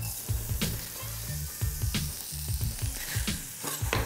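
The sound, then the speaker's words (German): Two shallots sweat and sizzle steadily in a small flake of diced butter, a constant crackling hiss broken by low clattering knocks and scraping from stirring. No one speaks. “So, wir haben jetzt hier unsere Schalotten in ein bisschen Butter angeschwitzt.”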